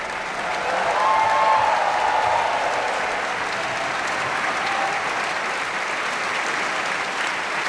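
A large opera audience applauds steadily and densely, cheering for singer Peter Hoare and the ensemble on stage, with a few cheers or whistles rising above the clapping early on. The applause stays loud and even throughout, with no talking.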